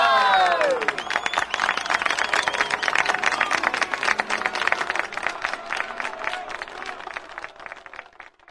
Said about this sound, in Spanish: escuche el aplauso bonito. ¡Una bulla!